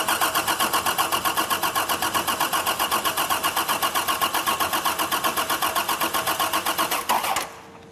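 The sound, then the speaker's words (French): A car engine, on a car that has no ignition key, being cranked to start without the key, with a loud, steady chugging of rapid rhythmic pulses for about seven seconds before it abruptly cuts off. No one speaks. “Quand la voiture est arrivée, elle n'avait plus de clé de contact, à se demander si son propriétaire ne l'avait pas gardée en pendentif.”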